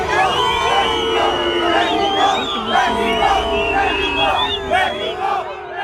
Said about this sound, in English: England have been booed by Mexico supporters as they arrived at their team hotel in Mexico City ahead of their World Cup game in the early hours of Monday.